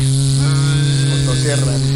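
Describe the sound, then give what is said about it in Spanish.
A loud, steady mosquito buzz, deep and rasping like a chainsaw, drones continuously for about two seconds without pause. “Y hábleme de ese zancudo que llega como con motosierra.”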